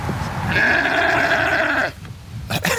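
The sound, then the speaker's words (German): A sheep, one of three kept behind the Gemüsebau Brill vegetable farm in Bubach-Kalmesweiler, lets out one long, wavering bleat lasting over a second, clear, followed by a brief quieter rustle or second short call against a soft outdoor background. “Und dazwischen, also zwischen der vielbefahrenen B10 und diesen 3 Schafen ohne Namen”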